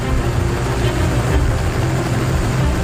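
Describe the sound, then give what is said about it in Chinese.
A helicopter in flight, heard as a loud, steady engine and rotor drone with deep low rumbling and a broad roar that holds constant for the whole stretch, with no voices. It carries a team north in Africa toward a larger wildlife reserve. “团队搭乘直升机向北进发，前往一片面积更辽阔的保护区。”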